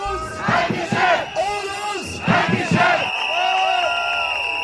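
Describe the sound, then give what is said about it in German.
A crowd of strikers at a Verdi union warning strike in Kassel and Frankfurt, Hesse, over higher wages, chants rhythmic slogans in unison, loud bursts of shouting voices repeating a beat, then giving way to a sustained, whistle-like tone with a murmuring crowd underneath. “Es wurde nämlich heute auch gestreikt. In Kassel und in Frankfurt, da klang das zum Beispiel so.”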